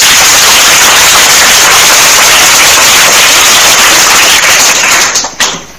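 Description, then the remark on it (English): Pupils clapping loudly and continuously for several seconds at the end of the second round of a class quiz, a dense, crackling wash of applause that thins out and dies away at the very end. “You are not clapping. Clap again.”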